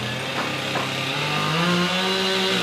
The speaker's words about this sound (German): Dutzende Mitarbeiter des Katastrophenschutzes arbeiten auf der Maria-Entschlafts-Kathedrale, hämmern und sägen.